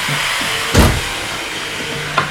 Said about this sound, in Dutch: Dus nou, je hoort op het ogenblik wordt er flink gezaagd.